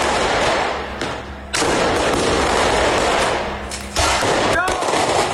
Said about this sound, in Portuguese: Acenderam o rojão. Tá acendendo. Olha lá, foi.